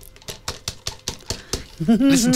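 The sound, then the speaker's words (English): A glass lid taps against a crystal jar, its lid reading "I love my pet. All dogs, no rawhide.", in a quick series of about eight bright, sharp clinks, then a person starts speaking over the last of them. “Listen to the quality of the crystal.”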